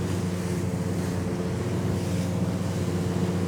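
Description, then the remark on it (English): A boat's bow crashes down through choppy waves under a grey, cloudy sky, sending spray up, with a loud, steady engine drone under a constant rush of spray and waves, some wind buffeting and no voices. “And as I'm sitting here, the bow of the boat is coming down, the spray is coming up, it's actually splashing me in my face, and I swear I'm trying hard not to fall asleep.”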